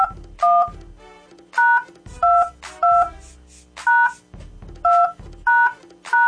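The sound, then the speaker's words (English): A telephone number is dialed on a keypad: about ten crisp, evenly spaced dual-tone beeps, each short and clear, with brief pauses between presses and no talking. “Call her one more time.”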